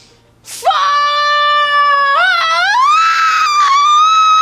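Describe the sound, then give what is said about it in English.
A single loud, sustained scream from a person reenacting their bungee jump, starting abruptly with a sharp intake and holding a high wavering pitch for about four seconds, rising and cracking toward the end. “What did you scream?”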